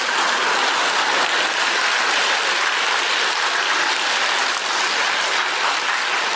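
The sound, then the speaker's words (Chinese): Sustained applause from a large audience at a live stage show, dense and steady clapping at an even, loud level for several seconds with no voices over it. “其实我不爱要掌声，没办法，你不要真没人给你鼓啊。”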